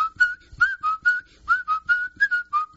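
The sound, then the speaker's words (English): A person whistles a lively tune, a clear steady pitch broken into quick rhythmic notes with short breathy gaps between phrases, heard alone without talking. “When I see so many good-looking cars, I just whistle.”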